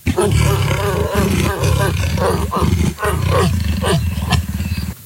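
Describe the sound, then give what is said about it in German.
A leopard's deep, rasping growl rumbles on steadily for about five seconds, loud and low-pitched with a grunting, sawing texture, broken by brief pauses. “Leopard.”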